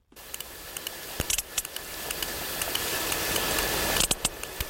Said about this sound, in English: Kind of sounds the same, but it is actually the sound of a different sperm whale, this time from the eastern Mediterranean, closer to the other dance mecca of Ayia Napa. And the sound of those clicks are a bit pacier, aren't they?